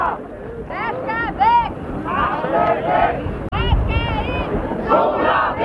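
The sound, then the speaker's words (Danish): Anti-nuclear protesters chant loudly together against the Barsebæk nuclear power plant north of Malmö, Sweden, shouting "Hvad skal væk? Barsebæk", many voices rising and falling in repeated shouted phrases over a rumbling crowd noise, with a brief cut midway before the chanting resumes. “Barsebæk råbte atomkraftmodstandere i overvis.”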